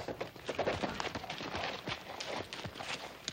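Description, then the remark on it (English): Horse hooves clip-clop in a steady, uneven rhythm of many sharp knocks, fairly loud, as Mrs. Edwards' horse walks nearer carrying her. No one speaks. “Little Joe, why don't you see after Mrs. Edwards' horse while I help her down?”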